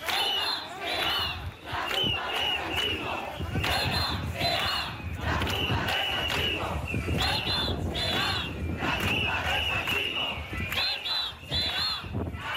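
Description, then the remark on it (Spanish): A large crowd of thousands of protesters in Ceuta, marching toward El Tarajal, chants slogans against Sánchez and Marlaska, such as 'Ceuta será la tumba del sanchismo', in loud, rhythmic unison, phrases repeating every few seconds, with shrill whistle-like tones piercing through the dense roar at intervals. “Bueno, pues gritos como Ceuta será la tumba del sanchismo con estas resonancias históricas.”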